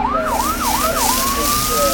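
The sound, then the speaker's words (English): A fire engine siren, the sound of firefighting, wails loudly, its pitch rising and falling in rapid yelps before settling into a steady high tone, with a low engine rumble underneath. “Sometimes firefighting sounds like this.”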